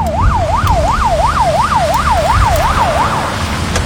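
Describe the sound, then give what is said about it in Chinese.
A Hebei traffic police car siren wails loudly in quick rising-and-falling sweeps, about nine cycles in a few seconds, over a steady rumble of road and engine noise on the Chengqin expressway in summer heat. The police car is taking stranded tourists from a broken-down coach to cool off. No one is speaking. “警车马上送大家去避暑。”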